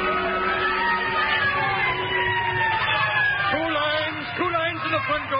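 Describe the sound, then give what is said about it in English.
Fire engine sirens wail and rise in long sweeping tones over a loud, rumbling roar of engines as the fire engines race through city streets, with raised voices breaking in toward the end. “it was the lighted match, the licking flame, and of course the roar and scream of the fire engines racing through the city streets.”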